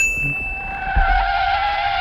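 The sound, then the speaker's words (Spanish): A bright cartoon light-bulb ding, signalling an idea, rings out over a sustained screeching brake skid, with a low thump near the middle as the skid continues loudly to the end, no voices present. “Oh, he frenado porque, como bien habrá escuchado, ha sonado una bombilla y eso significa que me se ha ocurrido una idea.”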